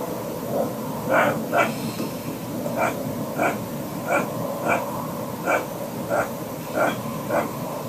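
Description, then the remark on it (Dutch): Probably roe deer barking at night in Son: about a dozen short, hoarse calls repeating at a fairly steady pace, some in quick pairs, over a faint background hiss with no talking. “En die denkt dat het misschien een ree is.”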